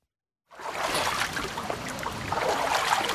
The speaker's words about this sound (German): So klingt es normalerweise beim Wassertreten an der Kneippanlage am Tannenbaum in Bad Wörishofen, wenn das Becken gut gefüllt ist.